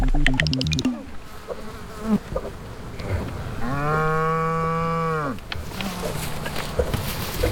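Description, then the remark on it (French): A large Normandy cow lets out a single long, loud moo partway through, rising and then falling off, with a faint buzzing of flies and rustling background noise around it. “Notre mouche est posée sur la bouse d'une grosse vache normande.”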